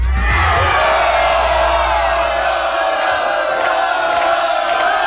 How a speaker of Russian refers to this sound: Миш, если вы сейчас слышите меня в эфире, принимайте поздравления, овации звучат только для вас.